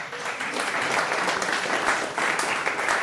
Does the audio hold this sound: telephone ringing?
no